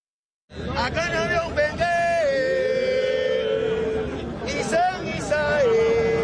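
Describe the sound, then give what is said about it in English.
Cuban percussionist a percussionist chants in long, sustained melodic phrases, loud, to a crowd in Africa that understands the words in their own language, while the crowd murmurs and chatters steadily in the background throughout. “Cuban percussionist … chanting to a crowd in Africa that understands the words he's saying because he's saying them in their language.”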